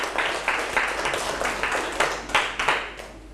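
A group claps together in a steady burst of rhythmic applause, many hands striking in loose unison at a fairly close, moderate volume, with no one talking over it.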